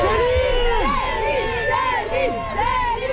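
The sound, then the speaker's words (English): A crowd of fans outside a hotel in Paris cheers loudly and continuously as a Canadian singer steps out, with many overlapping voices shouting and whooping at once, the excited noise filling the whole stretch without a break. “Fans cheering outside a hotel welcome Canadian icon … as she steps out in the French capital.”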